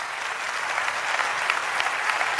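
An audience breaks into sustained, loud applause for God, a dense, steady wash of many hands clapping together with no voices standing out.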